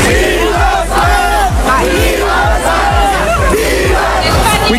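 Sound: crowd celebrating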